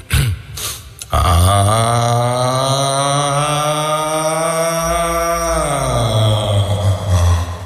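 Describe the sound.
A voice imitates the ADE alarm from the Slam app, holding one loud, steady, buzzing tone for about six seconds after a short noisy start, its pitch dipping slightly and then rising again near the end.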